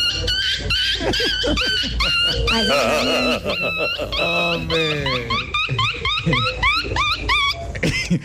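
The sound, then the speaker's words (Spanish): A person's voice imitates a small dog whining as a hidden talent, a loud run of high, squeaky whimpers and yelps rising and falling, with a brief spoken word near the start. “Buenos días, mi talento oculto es el perrito chillón.”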